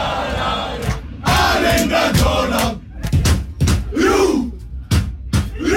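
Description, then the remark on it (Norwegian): A large, loud crowd roars in celebration as Norway wins a match at the final whistle, a dense wall of cheering broken by sharp, rhythmic collective shouts, like a packed stadium chanting together. “Til og med prins Sverre Magnus tok seg et rotak på banen.”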